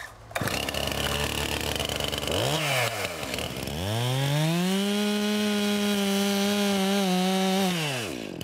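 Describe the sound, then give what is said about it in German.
A chainsaw revs up, drops briefly, then bites into a tree trunk during tree felling with a loud, steady, strained engine whine for several seconds before easing off. No one speaks. “Und das heißt, ich mache die Säge aus, mache den Gehörschutz hoch, schaue mich um, guck, ob da keiner steht, der hier nicht sein soll.”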